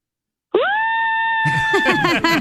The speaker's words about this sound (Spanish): ¿puedes gritar para promo? Sí, claro, grito. Okay. Ok, otra vez.